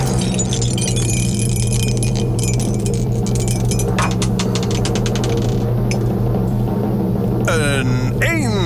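Dice rattle in a dice cup in a cellar, a quick run of clicking taps, then tumble out over a steady low hum. A brief warbling, sweeping tone follows near the end.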